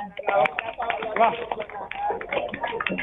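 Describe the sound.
A crowd claps steadily for a few seconds, a dense patter of many hands filling the room while voices carry on over and under the applause.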